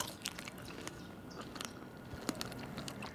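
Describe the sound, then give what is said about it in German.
Wet chewing of ripe red strawberries with a few small, sharp crunches scattered through it, steady and intimate, with no voices. “Moment mal, beim Kauen knackt es manchmal ein bisschen.”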